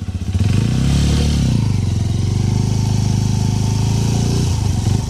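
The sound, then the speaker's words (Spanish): A new, zero-kilometre Suzuki DR160X motorcycle engine runs steadily for several seconds with a loud, low rumbling idle, its pitch rising briefly in a short rev before settling back to a throbbing chug. “la posibilidad de estrenar una espectacular Suzuki DR160X 0 kilómetros. Óigala cómo suena.”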